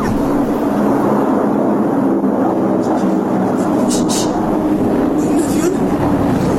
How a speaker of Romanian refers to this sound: E un pescăruș. Plutește ca un pescăruș, dar e un avion. Ia, a oprit motoarele, vine spre noi. Ne ocolește. Nu, caută un loc de aterizare. E mare cât o balenă. Se prăbușește, nu, domnișoară.